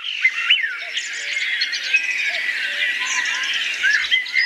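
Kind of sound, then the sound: bird, birdsong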